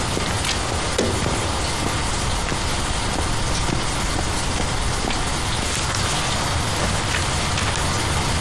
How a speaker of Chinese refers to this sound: 雨要是一直再这么下下去，刘伯承、粟裕、谭震林他们过江的压力就非常大了。